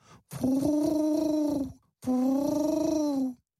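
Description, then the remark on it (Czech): Two long, throaty coos in a row, each lasting over a second with a slight warble, clear with no talking around them, like pigeons cooing. “Obě se vzrušeně začaly radit, když se dali slyšet holuby, kteří je už chvíli poslouchali.”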